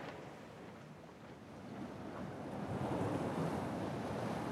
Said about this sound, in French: T'entends les vagues ?